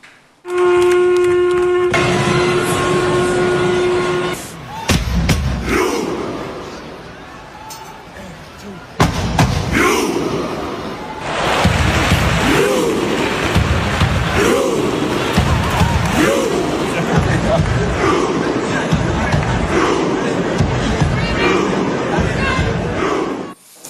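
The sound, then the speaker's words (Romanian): A long, low horn note opens, then a vast crowd of stadium fans in Oslo roars out a synchronized Viking chant at a match against Sweden, with booming shouts and claps landing together in a steady, repeating rhythm. “mii de suporteri și-au etalat rădăcinile vikinge, într-un moment impresionant care a devenit viral pe internet.”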